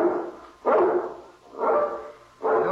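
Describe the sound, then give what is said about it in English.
A large guard dog barks repeatedly at night at a steady pace, four deep, loud bursts with short pauses between them and no one speaking. “I can't understand why he barks so tonight.”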